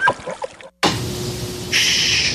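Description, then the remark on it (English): After a brief muffled sound and a short silence, a home air conditioner starts up with a steady, soft whir and a faint hum, turning brighter and more hissy partway through. “Don't you hear that soft, comforting whir of the AC?”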